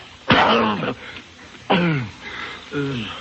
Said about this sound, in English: Oh, gee, they're good. Hey, Pop, you're choking.